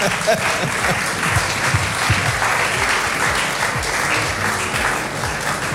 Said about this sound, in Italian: Applauso, se volete applaudire.